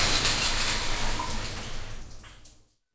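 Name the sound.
shower water running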